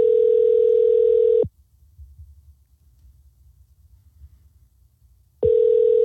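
An outgoing phone call's ringing tone: a steady, fairly loud electronic purr that cuts off, leaves about four seconds of near silence, then starts again. No one speaks.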